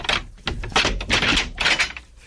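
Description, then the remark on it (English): A heavy bolted prison door being opened, with a quick run of loud metallic clanks and scraping thuds, ending in a softer rattle as it settles. “Even if all the guards were asleep, the sound of the door opening would awaken them.”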